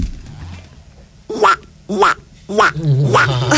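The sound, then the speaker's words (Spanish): A person imitates a duck with three nasal, raspy quacks, the last one longer and drawn out, fairly loud with brief pauses between them. “Yo sé hacer un pato. A ver. Es un muy buen pato.”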